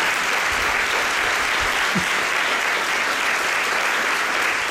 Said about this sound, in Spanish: me está mirando con ojos de fuego para que no la aplaudamos, pero un fuerte aplauso para ella.